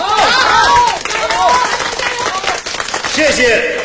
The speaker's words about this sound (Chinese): 让我们对志愿者们的无私奉献表示敬佩，为被关爱者们的勇敢坚强鼓掌加油。